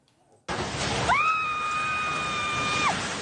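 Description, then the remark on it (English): A loud roar of crashing, rumbling debris erupts suddenly as a low-rise commercial building with a fast food restaurant collapses in a magnitude 7.8 earthquake in General Santos City, Mindanao, the Philippines; a single long, high-pitched scream rises and holds steady for nearly two seconds over the din before cutting off. “This is the moment a low-rise commercial building came crashing down as a magnitude 7.8 earthquake struck the Philippines' southernmost region.”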